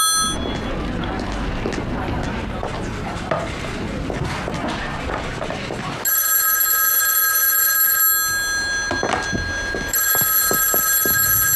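A telephone bell rings loudly in two bursts with a short pause between them, after several seconds of busy clattering and rustling noise.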